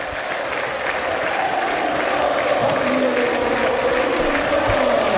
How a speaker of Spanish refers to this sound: Se va a retirar el número 10, nivela carga, lo cuida el ruso, se retira aplaudido, ovación para el chino, ingresa con la 20 del Mudo Vázquez.